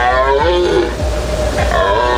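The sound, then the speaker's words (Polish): A red deer stag bellows in the forest during the rut, deep, rough moaning roars rising and falling in quick succession, loud, with no voices present. “W lasach możemy już teraz usłyszeć ryk jeleni.”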